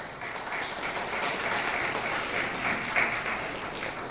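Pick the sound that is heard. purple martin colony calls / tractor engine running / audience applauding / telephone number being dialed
audience applauding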